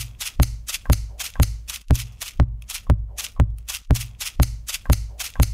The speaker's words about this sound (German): Als nächstes die Schere.